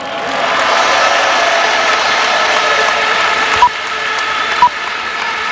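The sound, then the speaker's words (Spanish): An audience applauds steadily for several seconds for the staff who helped the team, at a World Cup trophy celebration, a dense wash of clapping with a faint tonal hum underneath and two brief sharp knocks near the end. “Un aplauso para ellos.”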